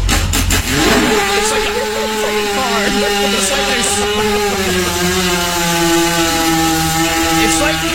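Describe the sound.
A voice imitates a 250cc dirt bike failing to start: it sputters and coughs at first, then settles into a loud, steady, buzzing drone that never quite catches and revs into a proper start.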